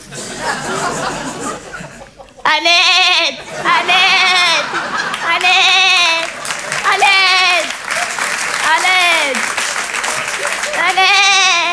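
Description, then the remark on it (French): A person imitates an Eid sheep, letting out six wavering, harmonic bleats in a steady rhythm, loud, over a continuous background of applause or crowd noise. “Et je fais très bien le mime des animaux. Mon préféré, c'est le mouton de l'Aïd.”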